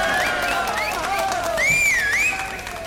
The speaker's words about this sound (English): A little bit of applause, but not so much as there was for …. But then again, two different styles of entertainment.